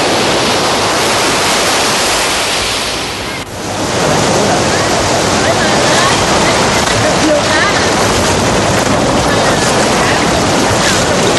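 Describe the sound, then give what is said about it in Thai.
Loud, continuous roar of ocean waves crashing on shore, with heavy wind noise buffeting the microphone and a brief lull partway through before the surf surges back. The sea is too rough to go out that day. “Trời sóng quá không được.”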